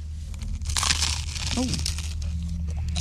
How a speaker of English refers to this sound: That sounds like you're going to break your teeth. Very crunchy.